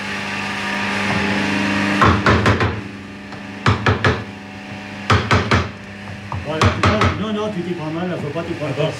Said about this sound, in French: D'abord, faut tenir ton outil comme ça, voilà, et avec ton marteau bien en face le morceau de bois, voilà. Tu pars comme ça. Ah oui, oui. Et tape bien, et bien d'aplomb. Encore. C'est parfait.